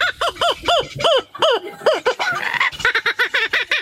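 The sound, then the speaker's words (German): A laughing kookaburra calls loudly, a rapid string of rising-and-falling cackling hoots that tumble into a frantic, chattering laugh, with no other voices. “Den lachenden Hans hat er nachgemacht. Der klingt im Original so übrigens.”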